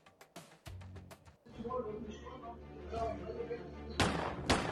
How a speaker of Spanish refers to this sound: Terrible la inseguridad, el sicario le descerrajó hasta 6 disparos y lo mató sentado ahí donde se encontraba.